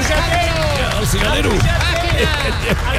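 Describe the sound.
Scattered clapping from a small group, steady for a few seconds and mixed with overlapping voices and general chatter rather than standing out on its own.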